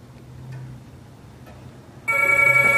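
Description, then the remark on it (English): Quiet for about two seconds, then a loud, bright telephone bell starts ringing and keeps jangling until the end. “puts the cat on the sofa and answers the phone.”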